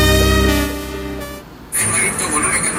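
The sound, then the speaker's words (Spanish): A sustained car horn blares with a steady, buzzy tone for over a second, then fades into rumbling street noise before a louder burst of traffic hiss and engine sound returns. “Mira, ahí hay tráfico acá en la zona.”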